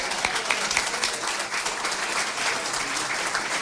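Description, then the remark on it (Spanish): A crowd applauds steadily, a dense wash of many hands clapping at once, fairly loud, sustained for a few seconds without letting up. “Sí, vamos al cielo, tengo que aplaudirlo.”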